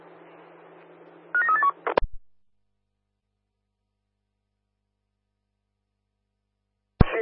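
A quick run of about four beeping keypad tones from a woman's mobile phone over a steady background hiss, then an abrupt cut to silence, ending with a brief click of noise.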